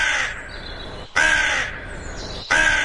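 A crow caws loudly three times in slow succession, each harsh, raspy call separated by brief pauses, with no other sounds around it.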